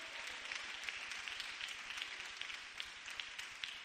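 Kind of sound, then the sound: crowd, audience applauding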